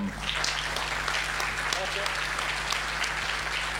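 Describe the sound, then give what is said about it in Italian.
Sustained audience applause at an Italian civic event with the Associazione Nazionale Alpini civil protection volunteers, a dense crackle of many hands clapping steadily for several seconds, with a low constant hum underneath and faint voices mixed in. “Eccoci qua, eccoci, un bel applauso.”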